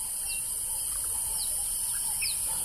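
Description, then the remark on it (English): Wading birds feeding in the marshes give short, sharp descending calls about once a second over a constant high-pitched insect drone and soft marsh ambience. “The many wading birds that feed in the marshes are always on the lookout, because death can spring from anywhere.”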